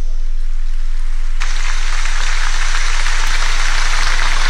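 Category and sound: crowd, stormy applause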